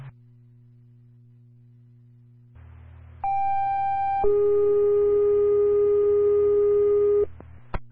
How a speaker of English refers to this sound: Ghost and Dive Team Weekly Radio and Phone Test. Ghost 11 Delta 8, loud and clear. Pager's activated.